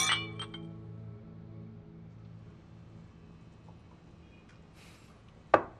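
Glasses clink together in a toast, a bright ring that hangs and slowly fades, followed near the end by another short, sharp clink. No one speaks.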